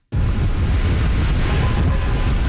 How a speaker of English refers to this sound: It's crazy out here. I just trying to get home, and it's blistering winds, high winds. It's absolutely insane rain.